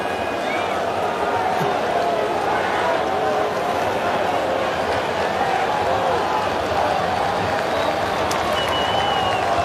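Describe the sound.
A large stadium crowd at a baseball game in the sixth inning roars and murmurs at a steady, loud level as a challenged strike call is ruled a ball, with scattered claps and shouts mixed into the dense wash of voices.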